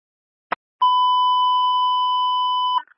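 A brief click, then a single steady electronic alert tone holds loud and even for about two seconds before cutting off with a short squelch, like a radio dispatch beep, with no voices.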